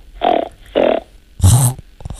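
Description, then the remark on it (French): A child imitates a pig's grunt with three short, snorting nasal bursts in a row, the third louder and harsher than the first two, followed by a faint trailing snuffle. “Alors, j'ai entendu la poule et le cochon.”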